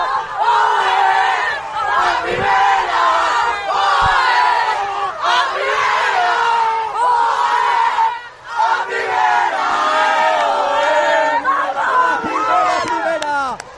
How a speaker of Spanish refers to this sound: De nuestras jugadoras, es el grito de una plantilla, de un cuerpo técnico que vuelva a la élite del fútbol femenino.